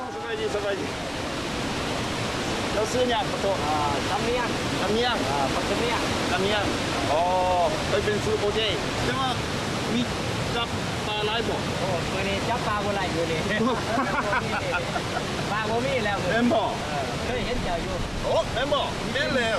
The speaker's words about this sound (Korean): 매일 급류 위로 출근하는 콤파펜 폭포의 어부.